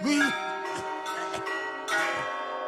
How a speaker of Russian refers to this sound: Монастырские часы пробили четверть.